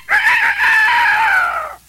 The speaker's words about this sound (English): Hey! There's one now. That animal with feathers all over him and a red comb on his head. I just heard him make a noise like a chicken.